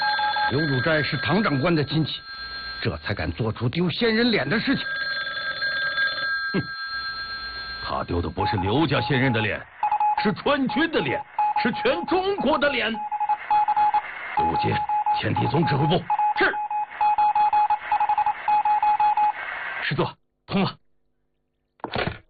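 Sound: telephone dialing and ringing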